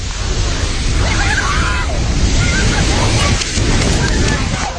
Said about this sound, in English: Video shows the force of the flood carrying off a bridge and collapsing buildings as muddy water surges through the mountains. Entire villages, roads, bridges and power stations are reported to have been swept away.